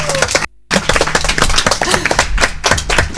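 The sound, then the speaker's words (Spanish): A group of people in Hornillos de Cerrato clap for guests of a live radio broadcast, a steady burst of many overlapping hand claps that stays loud and busy for a few seconds, with a brief drop to silence near the start. “Un aplauso para ellos, ¿no? Un aplauso.”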